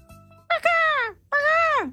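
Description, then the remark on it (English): A human voice imitates a seagull with two loud, harsh, nasal squawks, each holding a strained pitch before sliding downward at the end, separated by a brief pause. “practice up your seagull sounds”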